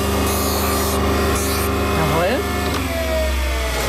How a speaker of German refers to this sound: Das ist immer noch so ein bisschen scharfkantig. Ja. Da muss man jetzt per Hand mit dem Handschleifstein auch die Kante brechen.